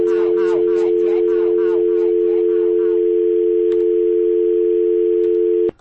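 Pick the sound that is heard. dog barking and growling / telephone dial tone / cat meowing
telephone dial tone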